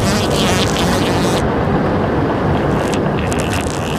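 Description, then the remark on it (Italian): A loud, steady mechanical whir and hum from an air conditioner, a cooling machine said to run on human intestinal gas, switching on and droning without pause, with a slight dip in its hissy upper tones partway through. No one speaks. “Con questi caldi torridi e il cambiamento climatico, pensa a quante vite umane potrei salvare con dei condizionatori che funzionano a gas intestinali. Ecco, guarda, si sta accendendo.”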